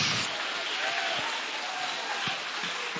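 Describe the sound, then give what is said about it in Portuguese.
Steady, dense applause from a large crowd clapping in praise of Jesus, a continuous wash of many hands clapping at once, fairly loud and sustained throughout with a faint murmur of voices underneath. “Quem tem certeza, levanta essa mão, bate as palmas e glorifica o nome dele”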